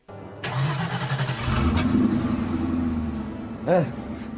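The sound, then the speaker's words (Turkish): The heavy engine of a truck loaded with nitro cranks and catches, then settles into a steady low rumble with a rising rev, followed by a brief higher whine near the end. “Hadi çalıştır bakalım kamyonu.”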